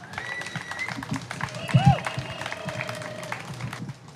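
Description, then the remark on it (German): A crowd applauds steadily, dense overlapping clapping filling the whole stretch, with a few whoops and whistle-like cheers rising above it before the clapping thins out at the end. “Bis später und großen Applaus für Konstantin Juncker.”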